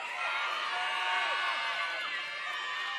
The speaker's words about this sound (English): Alrighty. Now, with the same applause, let's welcome our top 18 to stage.